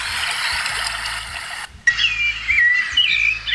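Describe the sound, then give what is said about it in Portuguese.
A sabiá thrush sings clear, fluting whistled phrases that rise and fall in the morning in Sapiranga, entering after a stretch of steady hiss and continuing over soft background noise. “Ó, o sabiá tá cantando.”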